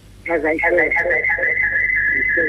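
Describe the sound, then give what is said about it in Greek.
A radio playing in a caller's background comes over a phone line during a call-in show, its muffled, indistinct voices mixed with a steady, piercing whistle tone that holds unbroken for about two seconds at a fairly loud level. “κλείστε το ραδιόφωνο λίγο.”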